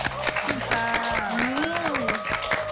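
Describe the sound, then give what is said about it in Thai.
An audience on a cooking show claps steadily and loudly throughout to praise a stir-fried pork dish, a dense patter of many hands, with a voice and a sustained tonal sound running underneath. “แต่พอผัดออกมาปุ๊บลงตัวมากทุกคนค่ะสามารถทำขายเป็นอาชีพได้เลยปรบมือให้เลย”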